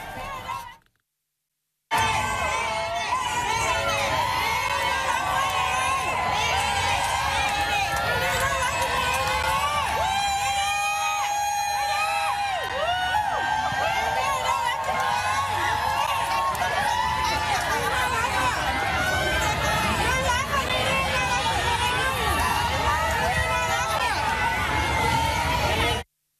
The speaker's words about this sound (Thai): หลังจบการแสดงคนไทยในสหรัฐอเมริกาที่ไปเชียร์น้องถึงขอบสนามพากันไปรอน้องที่ด้านนอกสตูดิโอแล้วก็ส่งเสียงเรียกน้อง